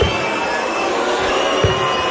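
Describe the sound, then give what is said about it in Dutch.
At a darts match in Amsterdam, a large crowd roars steadily, with shrill whistling threaded through a dense wall of jeering and booing that never lets up. “Afgelopen weekend speelde hij in Amsterdam en waren er behoorlijk heftige fluitconcerten en was er boegeroep te horen.”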